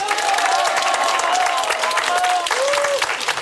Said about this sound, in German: Das alles gehört zum TT-Familienfest dazu. Und das Schönste ist, wir haben ein super gut gelauntes Publikum und wir freuen uns jetzt über einen riesen Applaus und einen Gruß in die große weite Welt hinaus.